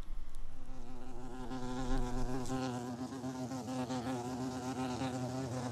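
A steady, low droning buzz of a bumblebee, its pitch wavering slightly up and down as it hums continuously and fairly loudly throughout, with no voices.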